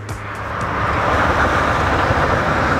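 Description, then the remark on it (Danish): A steady, broad roar of traffic on the E45 motorway at the northern end of Støvring, with a continuous low rumble and a hissing wash of tyre noise that swells slightly at the start and then holds level, with no voices. “Borgerne i den nordlige ende af Støvring, de drømmer om et støjværn, som kan holde larmen fra motorvejen nede.”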